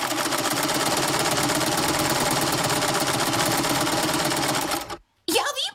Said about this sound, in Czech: Pozor. Je to šicí stroj. A kdo ho potřebuje k práci? No přece krejčí a švadlenky.